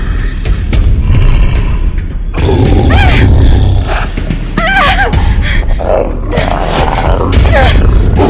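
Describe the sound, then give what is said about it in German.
A large shaggy beast roars and growls, with heavy thudding paw swipes and booming impacts, loud and continuous over a deep rumbling background. “Dafür ließ ein Brüllen sie nun herumfahren.”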